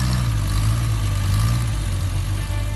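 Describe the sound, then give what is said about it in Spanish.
A classic car engine rumbles steadily and loudly, a deep, constant idle-like roar with no breaks, and no voices over it. “hay coches que hicieron historia. Y el próximo 18 de octubre volverán a rugir en Tarancón.”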